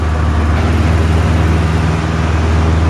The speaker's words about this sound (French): c'est vraiment un tout petit avion, extrêmement léger, il a fallu très peu de mètres pour décoller. C'est très bruyant dans la cabine.